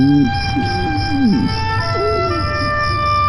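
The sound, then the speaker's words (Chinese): A hungry man's stomach growls in a series of low, croaky gurgles that rise and bend like a frog's call, over a steady high background drone of crickets. “妈，叔叔肚子里有一只青蛙给那呱呱叫了。”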